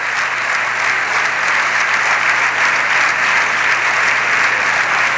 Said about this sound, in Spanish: Ese es el aplauso con el que los diputados y diputadas del PSOE están en este momento recibiendo al presidente del gobierno, que vuelve a levantarse con una amplia sonrisa y aplaude a su grupo parlamentario.